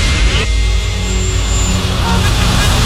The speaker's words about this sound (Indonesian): Aduh, macet lagi.